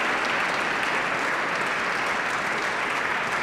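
Sustained applause from an audience, a dense, steady wash of clapping at an even level throughout with no voices standing out.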